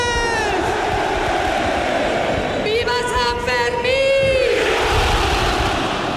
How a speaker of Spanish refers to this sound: Con el sonido del cohete y el tradicional grito de pamploneses y pamplonesas.